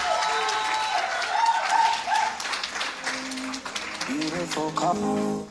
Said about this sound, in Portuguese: Mais uma vez, uma forte salva de palmas, por favor.